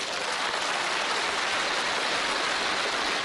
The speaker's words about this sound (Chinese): 你把给…那个掌声给我就行，你听这个摇滚的感觉。